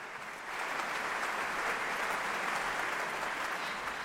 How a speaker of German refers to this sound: Viel Applaus und Bravo-Rufe für die 31-jährige Cellistin, die immer noch wie ein junges Mädchen aussieht, und natürlich auch für das NDR Elbphilharmonieorchester und die Dirigentin Karina Kanellakis.